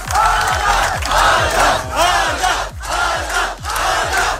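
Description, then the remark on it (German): A large crowd cheers and shouts loudly and continuously as a runner arrives at the finish after running over 600 kilometres through the California desert to Los Angeles, with a steady rhythmic pulse of low thumps running beneath the roar about twice a second. “Aber gefeiert wurde er trotzdem, als er im Ziel ankam.”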